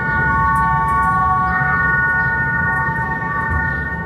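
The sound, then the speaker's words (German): A sound installation by Luc Otscher, made for his master's thesis at the Bern University of the Arts, inside the historic Mattenlift in the city of Bern: loud, sustained layered tones hold steady like a droning chord, shifting slightly partway through, over a low rumbling hum, with no voices. “Für seine Masterarbeit der Hochschule für Kunst zu Bern hat er den historischen Mattenlift in der Stadt Bern in eine Klanginstallation verwandelt.”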